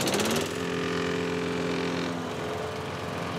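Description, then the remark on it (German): A neighbour's lawn mower engine drones steadily for the whole stretch, a constant buzzing hum with strong harmonic tones and a brief rougher burst at the start, on a sunny day during a garden party. No one speaks. “Sag mal, ich höre euch kaum wegen dem Rasenmäher beim Nachbarn.”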